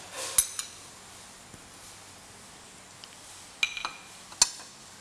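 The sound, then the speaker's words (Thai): Ham is added to a pot of soup once the water has come back to a boil, with a few sharp metallic clinks of a utensil against the pot, clustered near the end, over a quiet, steady kitchen background without talking. “นี่ก็รอให้น้ำเดือดอีกครั้งหนึ่งเราก็ใส่แฮมนะคะใส่แฮมลงไป”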